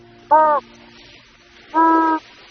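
Two short penguin flat calls at sea, each a steady, level harmonic tone with no rise or fall and no frequency modulation, separated by a pause of over a second, loud against a faint background hiss.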